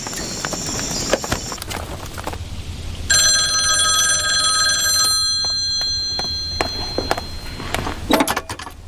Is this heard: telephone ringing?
yes